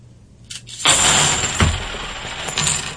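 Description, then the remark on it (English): A pile of fifty clad half dollar coins is dumped out at once, landing with a dull thud followed by a few seconds of dense metallic clattering and settling, with no voices. “I'm going to do the clad. Again, the same number of coins. 50 half dollars, what I'm using.”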